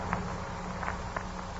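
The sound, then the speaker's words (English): A few soft, hesitant footsteps fall at uneven intervals in the night, with faint rustling at a dresser across the room; otherwise still, and no one speaks. “And there was another sound. A hesitant little footstep. And the rustling at the dresser across the room from me.”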